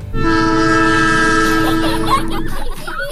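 A loud, sustained train horn blares for over two seconds over the rumble of a passing train, then cuts off, leaving the rolling rail noise continuing underneath; a Southern Prairie Railway train ride in Ogama.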